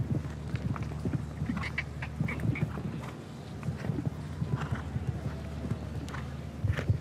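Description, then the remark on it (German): Hooves of a ridden horse clip-clop in a steady, uneven rhythm of sharp knocks as the rider helps the unsure horse, which slips slightly, over a low background hum, with a brief quack-like call or two mixed in. “Sie sehen, wie der Reiter seinem Pferd so ein bisschen helfen muss.”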